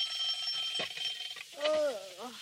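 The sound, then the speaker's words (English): A high, steady alarm clock ring buzzes for over a second at 7 o'clock in a room at the Hollywood Studio Club, where two young women are still asleep, then gives way to a brief, drowsy groaning voice. “The girls are still asleep when the alarm clock rings.”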